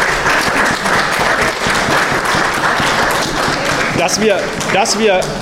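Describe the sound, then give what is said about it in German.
A large audience claps loudly and steadily for several seconds in thanks to the club members who organised and served coffee and cake, with a few voices calling out near the end. “Das ist ein Applaus, glaube ich, wert.”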